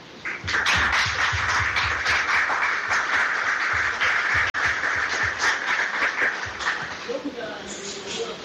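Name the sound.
applause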